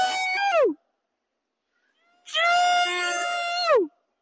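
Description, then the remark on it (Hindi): A man gives two loud, drawn-out shouted calls to scare off monkeys in the Parliament complex, a short one and then a longer one, each wavering and dropping sharply in pitch at the end, with silence between. “Sir, हम तो आवाज से ही भगाते हैं सर। एक बार आवाज निकालिए, आप कैसे वो करते हैं?”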